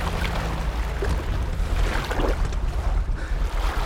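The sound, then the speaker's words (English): A motorbike carrying a rider and passenger lands in a reed bed, its engine rumbling low and steady beneath a continuous rush of churning, splashing water as it slows to a stop, throwing up a spume of water. Loud, with no voices. “They slow to a halt near the Weasleys' home. The bike throws up a spume of water, soaking both rider and passenger.”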